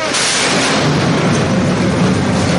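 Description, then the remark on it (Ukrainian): A heavy, continuous rumble of an explosion in Ukraine fills the whole stretch, loud and dense with no voices, rolling on without a clear break. “Тривоги, вибухи, безсонні ночі.”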